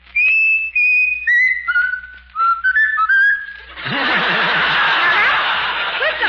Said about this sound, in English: Whistle really the song you like best. Whistle your favorite tune. Now, whistle your favorite tune.